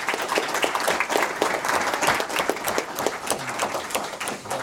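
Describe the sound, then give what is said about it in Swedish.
An audience gives a big round of applause as chocolate is handed out to thank participants, many hands clapping in a dense, continuous wash with individual sharp claps poking through, sustained for several seconds with no talking. “Kom här nu ska vi dela ut lite choklad och ska de få en jättestor applåd.”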